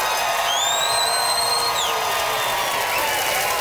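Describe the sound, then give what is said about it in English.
A crowd in Regina applauds loudly and steadily throughout as the audience votes by applause for a contestant, with cheering and a piercing whistle that rises and cuts off early on; the clapping stays dense, with no speech. “It's time to vote by applause.”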